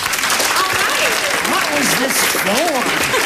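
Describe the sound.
A steady round of applause, dense and loud for the whole stretch, with voices calling and cheering faintly over the clapping.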